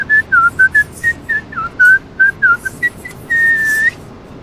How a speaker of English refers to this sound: Now, you're right-handed. Yes. What does your signature look like left-handed? Let's see. Can you do your signature left-handed while whistling?